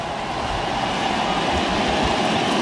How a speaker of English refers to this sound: Crowd making a lot of noise again here at Dodger Stadium and the 3-1.